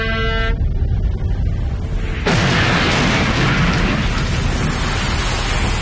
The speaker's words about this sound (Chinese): 紧跟着一声巨响，后面的轮船爆炸了，炸响的是定时炸弹。